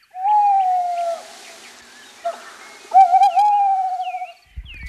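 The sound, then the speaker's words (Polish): Two long, drawn-out owl hoots, steady and slightly wavering, ring out clearly with a short pause between them, while faint higher bird calls sound in the background. No one speaks. “i można później poprowadzić badania, patrząc, jaka jest zawartość tych wypluwek i tam są kostki, tam są cząstki różnych zwierzątek i dzięki temu naukowiec, ornitolog może wiedzieć, jakie zwierzę, a tutaj w tym przypadku sowa, jaką ma bazę pokarmową.”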